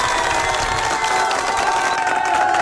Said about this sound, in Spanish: Un fuerte aplauso para ti también, por favor.